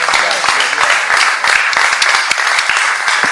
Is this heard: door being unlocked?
no